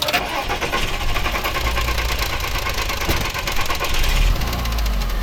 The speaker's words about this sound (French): Et donc là, j'ai tout de suite coupé le moteur. La voiture faisait ce bruit bizarre. Là, vous entendez ?